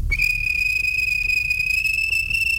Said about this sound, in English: The guard blew his whistle.